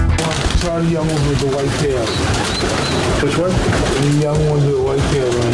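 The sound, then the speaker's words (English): Pigeons coo in steady, overlapping throaty warbles for several seconds, loud, with a dense, busy background murmur filling the spaces between calls. “And find out why a giant pigeon has landed a knockout blow to Mike Tyson.”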